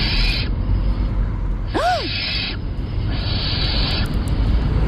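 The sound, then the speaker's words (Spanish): A barn owl gives three long, harsh, hissing screeches at night, the middle one joined by a brief rising-and-falling tonal note, with a low rumbling background beneath. “A ver, puede ser un gato, una lechuza común, una culebra ibérica o un mandril.”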